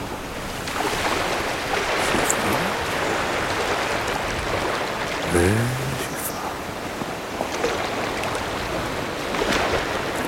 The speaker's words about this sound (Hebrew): פתאום בא גל גבוה נורא. פתאום שקט, ורק קצף על פני הגלים. אני שומע גל, כשגל בא שאיפה, וכשגל מתרחק, שאיפה.